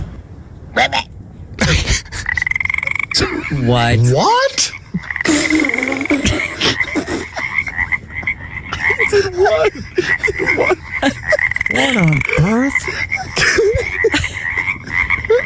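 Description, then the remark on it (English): A teenage boy at a pond makes loud, throaty frog-like croaks while a chorus of real frogs croaks steadily in the background, with brief exclamations of surprise from other voices. “Like, real frogs were fooled by this teenage boy's interpretation of a frog.”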